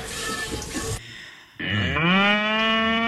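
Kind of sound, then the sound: animal, cow mooing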